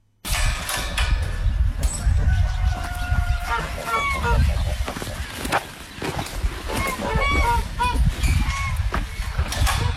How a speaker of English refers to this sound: Our rural reporter, Lara Webster, took a trip to Bert's farm to see the geese in the flesh and find out how they're settling in to their new home.